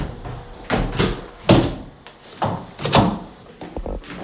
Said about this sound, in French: Merci de m'avoir ouvert ces portes-là. On va les refermer.